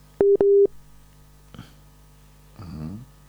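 Two short, loud electronic phone tones beep in quick succession, followed by a brief click and a faint burst of garbled line noise as a mobile phone call with poor signal drops.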